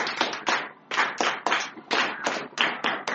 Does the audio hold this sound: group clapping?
yes